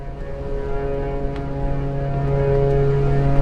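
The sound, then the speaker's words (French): Several ship horns, sounded at the same time by ship captains at sea off Georgia in August 2020, blare together in one long, unbroken chord of deep, steady tones. They hold without a pause and swell slightly louder toward the end, with no voices. “Ici, au large de la Géorgie et sur toutes les mers du monde, les capitaines de navires se sont mis d'accord et enclenchent leurs sirènes en même temps”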